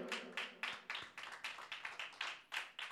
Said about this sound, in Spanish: Dele palmas al Señor, aleluya.